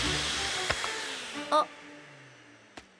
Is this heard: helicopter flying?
no